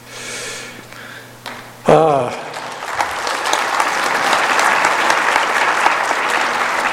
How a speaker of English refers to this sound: I'm sure Sister Hinckley would appreciate your applause on that.